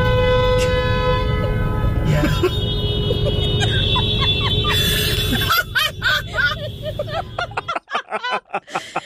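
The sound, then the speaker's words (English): Several car horns blare over one another in a parking lot in a sustained, overlapping chorus of steady tones, then break into shorter staggered honks as the noise thins out near the end. “That first honk that just really sets everybody off.”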